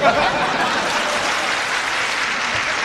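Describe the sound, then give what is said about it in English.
A crowd claps steadily and loudly as Milton Berle is introduced, a dense wash of applause that holds at an even level throughout with no voices standing out above it. “And now, if we give him a nice round of applause, maybe we can get him to remain in his seat.”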